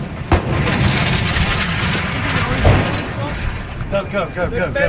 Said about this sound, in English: The explosions were in front and behind.